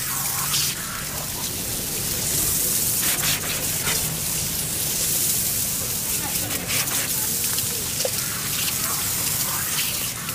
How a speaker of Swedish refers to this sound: Nu sprutar vattnet ur munstyckena med stor kraft. Elden slutar att brinna nästan genast.